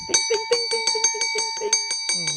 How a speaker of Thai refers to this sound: อ้าวกระดิ่งลั่นแล้ว